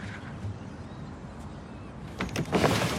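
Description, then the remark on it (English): A bedroom window is lifted open, sliding upward with a scraping, rattling rush after a couple of seconds of quiet room tone, the movement moderately loud. “She lifts the window up and looks down at Zig.”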